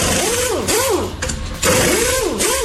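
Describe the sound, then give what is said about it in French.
An electric drill or automatic electric screwdriver whirs loudly, its motor pitch swooping up and down in repeated arcs as the speed changes, with a brief lull in the middle before it revs again. “C'est clair, c'était la perceuse. Ouais, perceuse ou visseuse automatique électrique, quoi, tu vois.”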